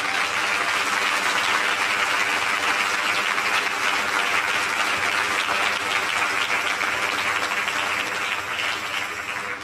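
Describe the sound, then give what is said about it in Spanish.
An audience at an evening church service applauds the Lord in sustained, dense applause, a steady roar of many hands clapping at even loudness for about ten seconds before easing slightly at the end, with no voices audible. “Denle ese aplauso al Señor en esta noche.”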